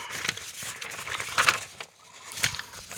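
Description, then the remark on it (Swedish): Paper rustles as pages are flipped forward to number 7, with a few soft, brushing swishes spread over a few seconds, fairly quiet, with no talking. “Men då ska jag bläddra fram nummer 7 till dig.”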